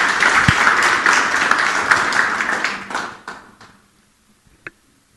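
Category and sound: crowd, audience applause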